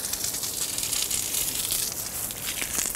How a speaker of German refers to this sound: Wasser! Die Dusche. Ihnen ist sie ganz vertraut. Schließlich lebt die Nashornmutter schon seit 26 Jahren im Zoo Berlin.